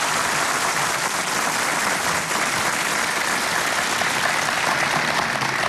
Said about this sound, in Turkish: Halk Müziği ve Türk Sanat Müziği sanatçılarımız ve TRT Ankara Radyosu çok sesli koromuz için hepinizden güçlü bir alkış istiyoruz. Ve her notayı ince ince işleyecek kıymetli orkestramız için de sizlerden kuvvetli bir alkış rica ediyoruz.